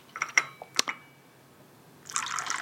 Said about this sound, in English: Pick up your China cup. Empty the carton of milk into yonder China cup. So, tap it, unwrap it, and replace. Now, that's better. We can now let the pouring commence. Here we go.